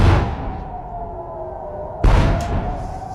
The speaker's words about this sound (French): Deux lourdes explosions, vous l'entendez, c'était il y a moins de 2 heures dans le ciel de Jérusalem, précédées d'une alerte, 100 jours exactement après l'attaque américano-israélienne sur l'Iran.